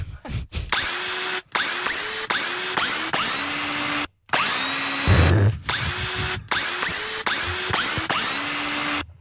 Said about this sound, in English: if you know the song we're playing on the power tool.